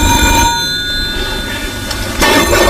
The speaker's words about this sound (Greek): Πάρ' το τηλέφωνο, ρε.